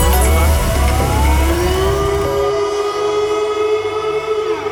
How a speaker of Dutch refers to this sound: Dan hoor je dus een alarm. Ja, een alarm. Hè. Dan hoor je dit, zeg maar.